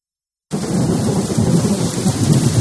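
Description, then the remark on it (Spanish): A heavy thunderstorm starts suddenly after a brief silence: steady, dense rainfall hisses over a deep, continuous rolling rumble of thunder, loud, with no voices. “Un año entero pendiente del cielo, una tormenta, una helada o una sequía pueden cambiarlo todo.”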